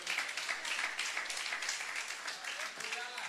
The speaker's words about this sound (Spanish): Dele un fuerte aplauso al Señor, hombre.